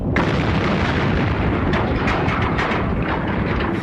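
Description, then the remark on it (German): A loud, sustained explosion sound effect: a deep, roaring blast that rumbles on for several seconds with crackling bursts on top, with no voices present. “Wir lassen einfach den Teil der Erde explodieren, dann hören die auf.”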